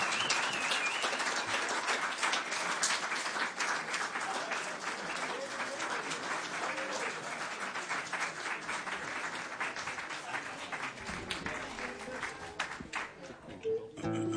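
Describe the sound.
Sustained audience applause welcoming a band from Tuva back onto the stage one more time, a dense steady patter of many hands clapping at an even loudness for the whole stretch, with faint voices mixed into the noise.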